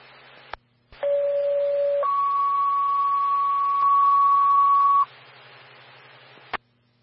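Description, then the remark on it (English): A two-tone fire dispatch alert toning out Elk Creek Fire to a breathing problems call on Highway 285, time of tone 2029: a steady lower tone holds for about a second, then jumps to a higher tone sustained for three seconds, over radio hiss with squelch clicks before and after. “Time of tone, 2029.”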